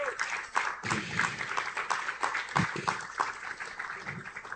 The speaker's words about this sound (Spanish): Aleluya, denle un aplauso a Dios por eso en el nombre de Jesús.